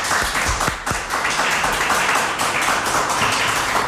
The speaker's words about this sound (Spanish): He pedido el aplauso conjunto para evitar luego esas suspicacias de a ver a quién aplauden más fuerte, menos, ya sabéis.